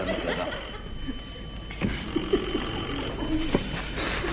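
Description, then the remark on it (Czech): A telephone rings at the restaurant U nudle with a steady, high-pitched electric bell tone that runs unbroken through the whole moment, over a murky background with a few soft knocks. “No to je dost, že voláš.”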